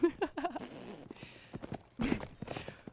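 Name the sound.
horses galloping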